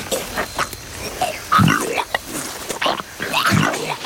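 A Komodo dragon regurgitating a goat to lighten itself and flee: guttural retching groans and rasping grunts come in uneven bursts, with two heavier low heaves standing out over a rough, strained wheeze.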